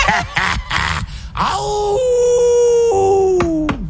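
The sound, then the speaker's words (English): A man lets out a long imitation wolf howl, rising then holding a steady pitched note for a couple of seconds before sliding down, preceded by a few rough, breathy vocal bursts. “Keep on howling, baby.”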